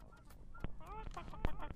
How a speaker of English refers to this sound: We got a bunch of birds birding at you. All right, let's get back to the music. You birds, keep going. Don't you stop, birds.